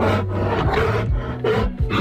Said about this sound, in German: Und so klingt ein Bär.